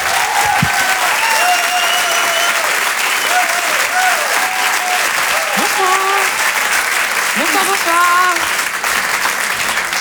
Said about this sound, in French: Je vous demande d'applaudir très très fort, s'il vous plaît, Caroline Vigneault.